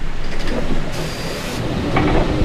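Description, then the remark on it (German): An Auto AG Uri regional bus drives along a mountain road through the Isental valley in Uri, Switzerland, toward St. Jakob, its engine a steady low rumble, with a brief high hiss and whine rising over the noise midway. “ist mit dem Fahrzeug Opsi, das Vortritt hat auf dieser Route, mit dem Chauffeur von der Auto AG Uri.”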